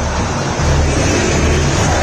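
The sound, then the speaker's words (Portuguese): A huge crowd of Cruzeiro football fans sings together at the Mineirão stadium during a match, a loud, dense, unbroken roar with low sustained chant tones running underneath for the full two seconds, no individual voices standing out. “a torcida do Cruzeiro canta, você ouve ao fundo o som da Bandeirantes, mostra para você. Ouça o Mineirão!”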